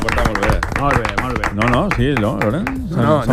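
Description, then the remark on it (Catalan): Applause from an audience for the Consell d'Experts: a steady patter of sharp claps lasting the whole few seconds, mixed with loud voices cheering and calling out over the top. “Un aplaudiment per al Consell d'Experts, per favor, que s'ha portat molt bé.”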